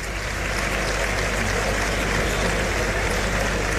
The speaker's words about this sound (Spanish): Montera arriba, en la mano derecha. Rompe la ovación del respetable, esa montera que recorre los tendidos.